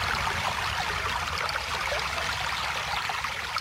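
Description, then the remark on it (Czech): A steady, bubbling stream burbles continuously, fairly loud, with a dense babbling wash of running water and no voices over it. “Slyšíš, Potůčková víla? Už zase bublá tvůj potok.”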